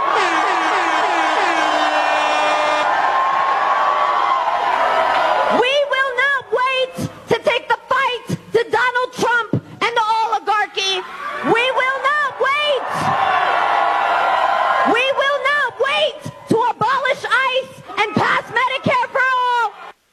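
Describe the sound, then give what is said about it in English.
A rally crowd cheers and whoops loudly for several seconds, then a single voice shouting into a microphone cries "We will not wait!" in emphatic bursts with short pauses, a faint crowd murmur beneath it. “See, it's different when they're screaming it into a microphone to their rabid fans.”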